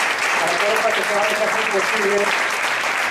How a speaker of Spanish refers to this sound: Muy bien, un aplauso fuerte para todos.